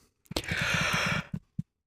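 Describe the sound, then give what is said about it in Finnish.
A single drawn-out, breathy yawn lasting about a second, fairly loud, ending with a couple of short breaths or mouth sounds. “Ei saa haukotella. Ei saa tekohaukotella ainakaan, koska haukotus tarttuu.”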